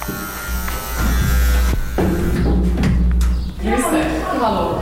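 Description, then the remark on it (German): A steady electric buzz from a door opener drones loudly for several seconds, accompanied by a few thuds and clicks as the entrance door of a multi-storey apartment building beside a construction site is pushed open into the stairwell. “Nach einer Zeit surrt es und ich habe jetzt Stegenhaus.”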